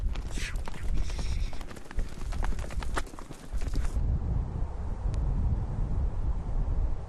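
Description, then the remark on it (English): The hooves of a nomad's trained horse clip-clop in a quick, uneven rhythm for several seconds, then stop, leaving only a steady rush of chilly grassland wind buffeting the microphone. “The trained horse will now keep by the nomad's side for the rest of its life as a faithful steed.”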